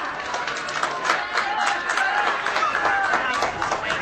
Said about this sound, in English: A few straight claps come in from the fans here behind me.